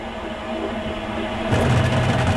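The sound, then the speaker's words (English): A new clothes dryer gives off a strange, steady mechanical rumble with a droning hum, then about halfway through it swells louder into a deeper, rougher whooshing churn. No one speaks. “The dryer just making a balloon?”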